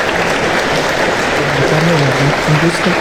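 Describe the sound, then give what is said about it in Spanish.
Loud, steady applause from a group welcoming a guest, an endocrinologist, fills the whole moment, a dense crackle of clapping with a voice faintly audible underneath. “es endocrinólogo y le recibimos con este fuerte aplauso.”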